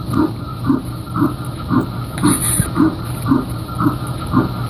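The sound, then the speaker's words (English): Fetal heartbeat on an ultrasound monitor: a steady run of about ten soft, whooshing thumps at a brisk, even pace over a constant low hiss, with no talking. “They do an ultrasound, and that's when everything changed, because when I saw my baby and when I heard her heartbeat.”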